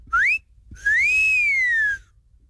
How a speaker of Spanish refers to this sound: Compa …, el chiflidito para las de 100 y menos